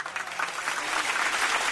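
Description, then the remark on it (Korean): A crowd of onlookers applauds steadily, clapping along in welcome, a dense wash of many hands clapping at once with no individual claps standing out, holding an even loudness throughout. “구경하러 온 군중들도 함께 손뼉을 쳤다.”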